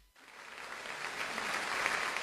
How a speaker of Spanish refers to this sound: Eso es, vamos a aplaudir aún más fuerte para él.